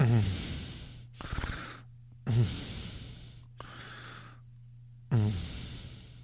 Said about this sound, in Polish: Co tak dyszysz, kurwa, człowieku?